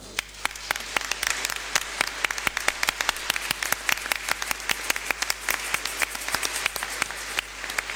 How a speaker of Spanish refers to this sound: Gracias por tanto esfuerzo, gracias por toda esa constancia que se ha tenido de 28 años de trabajo radial ininterrumpido. ¿Les parece que les demos un aplauso?